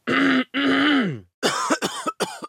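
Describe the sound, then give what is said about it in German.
A man produces a nagging, persistent cough, starting with two long, harsh, throaty rasps and then a quick series of short, sharp coughing bursts. It is loud and alone. “hustet Ihnen jetzt was. Es beginnt mit einem sehr hartnäckigen.”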